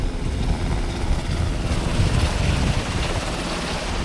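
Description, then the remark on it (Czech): Two Black Hawk helicopters in France take off with full water buckets of about 2,500 litres each to fight a fire about 3 km away: a loud, steady roar of engines and rotors with a low, rapid chopping thump beneath a broad rush of wind-like noise. No one speaks. “Bambivaky jsou plné, vrtulníky teď vzlétají a letí hasit požár, který je asi 3 kilometry odsud.”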